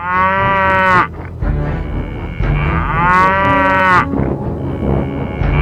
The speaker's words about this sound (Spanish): Con la vaquita Violeta. La vaquita Violeta. La vaquita y Violeta. ¿Cómo hace la vaquita? ¿Qué hace la vaquita?